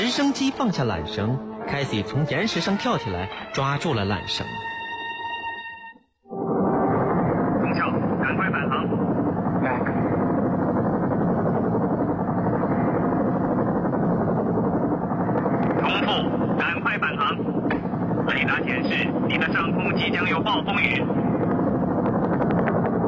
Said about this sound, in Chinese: 直升机放下缆绳，凯西从岩石上跳起来，抓住了缆绳。